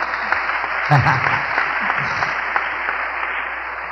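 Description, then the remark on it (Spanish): An audience applauds a priest steadily for a few seconds, a dense, even wash of clapping, with a brief voiced shout or cheer rising near the start. “Un aplauso al hermano nuestro,”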